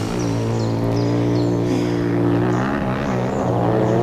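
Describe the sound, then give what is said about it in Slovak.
Motorcycle engines drone loudly and continuously, a thick low rumble with steady harmonics and slight pitch shifts as they rev and roll by, with no voices. “Kde sa tu berú motorky?”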